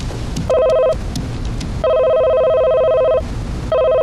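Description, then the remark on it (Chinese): A phone line rings out with repeated electronic ringing tones, a short burst followed by longer steady rings, clear, with no voice picking up, during a call to the property management office. “给物业打电话。”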